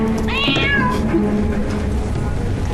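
A household cat that loves eating pork gives a single drawn-out meow that rises and falls near the start, clear, over a steady low background hum with faint indistinct noise.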